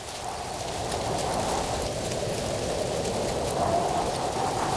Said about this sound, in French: Aujourd'hui, c'est la première fois que Toudou fait une promenade dans les bois. Toudou, mon doudou, tend ses deux petites oreilles. Il écoute le vent dans les arbres. Et toi, tu entends le vent dans les arbres?